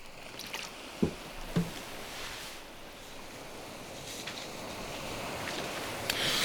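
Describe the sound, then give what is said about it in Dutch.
Someone takes a sip of water, with a couple of soft gulping clicks over a steady, hissy background rush. No one speaks. “Neem ik opnieuw een slokje water.”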